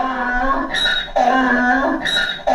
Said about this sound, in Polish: Trochę się przestraszyłem. No właśnie, właśnie, no to jest osioł, po prostu on ryczy czasami, prawda?